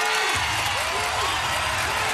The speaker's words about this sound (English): have we got the crowd sound effect we can play here? There we go.